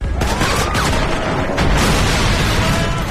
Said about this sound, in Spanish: Estos tiroteos y explosiones de vehículos no son reales, no los hemos recogido en ningún suceso que haya ocurrido durante esta jornada, por lo menos en el mundo real, aunque puede ser en el digital